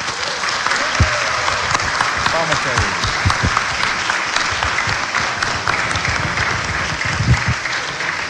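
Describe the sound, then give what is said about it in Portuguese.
Steady, dense applause from a crowd, a broad crackle of many hands clapping continuously at a strong level, with faint voices and a few low thumps mixed underneath. The applause honours the seminarians of the Seminário São José. “Vamos aclamar com uma salva de palmas aos seminaristas.”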